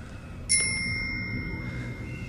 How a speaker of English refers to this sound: The giant faces them and rings the bell on a set of handlebars from a bicycle.